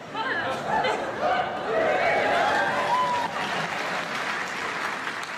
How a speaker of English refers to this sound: Why would you clap? It's my language. Well, I don't clap when you speak English.